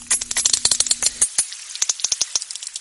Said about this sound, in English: And similarly clicking whales don't just hang out together, he says. They also emulate each other's songs or codas, meaning clans of whales evolve their own dialects, their own form of culture.